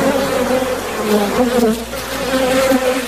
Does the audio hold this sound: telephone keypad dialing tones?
no